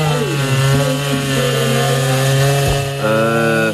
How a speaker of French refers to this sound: Un concours avec des bûcherons, des tronçonneuses. Et voilà, vous l'avez reconnu, ouais. C'est la bonne vieille tronçonneuse.